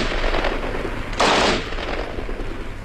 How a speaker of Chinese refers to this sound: 突然从山梁后面响起了一阵密集的枪声。